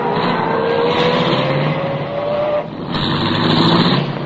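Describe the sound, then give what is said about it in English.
A car engine is started and the car pulls away from the curb, its loud hum climbing steadily in pitch, briefly easing off, then surging on again with a broad roar. No one speaks. “I started the car, and the moment I pulled away from the curb, I had company again.”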